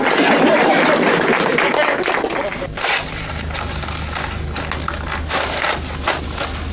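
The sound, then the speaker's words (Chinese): An audience at a school graduation claps in a dense burst of applause that thins out after a few seconds, leaving quieter murmuring voices over a low, steady hum. “见鬼，我是在给谁鼓掌？”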